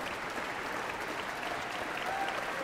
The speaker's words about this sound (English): More cheers. The audience here in Marian Anderson Hall clearly loves to hear these players out in front of their colleagues and just doesn't want to let them go.